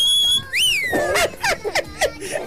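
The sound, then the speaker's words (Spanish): A small child blows a small toy cornet horn, giving a thin, whistle-like tone, holding steady, then swooping up and down, followed by a few short squeaky bursts, fairly loud. “Parece el más silbido que tiene ese cornetín.”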